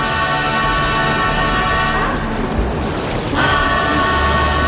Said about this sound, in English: A real beating at the hands of the merciless tropical storm. It all seemed to be a lot stronger than we'd originally thought it might be.